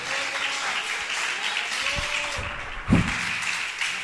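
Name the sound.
audience applauding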